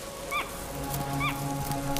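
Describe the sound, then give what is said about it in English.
A monkey named Tuki gives two short, sharp alarm calls about a second apart, each a high, harsh, slightly falling cry, warning of a fox, over a low steady hum with no voices. “Tuki looks round and suddenly lets out an alarm call.”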